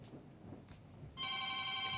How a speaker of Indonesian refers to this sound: Telepon WA. Karena pengen ditelepon.